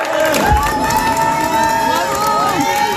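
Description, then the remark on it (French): A crowd of spectators, family and friends at the Courses du Lion race in Belfort cheers and shouts continuously, with high-pitched whistles and excited voices rising over a steady roar of encouragement for passing runners near the Lion of Belfort. “Aller au bout d'eux-mêmes hier jusque sous le Lyon de Belfort, sous les encouragements du public, des proches, de la famille, des amis.”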